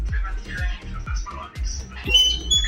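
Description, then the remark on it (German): An oven with bread baking in it squeaks in a run of short, high, scratchy squeals, with soft low thumps recurring about every half second and faint voices murmuring underneath. “Quietscht ein bisschen dein Ofen.”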